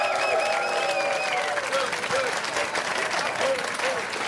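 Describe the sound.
A live audience breaks into steady applause for writer Kirsten Fuchs as she is introduced at a Radio 1 show, a dense wash of clapping that holds at a fairly even level throughout, with some voices and cheering mixed in.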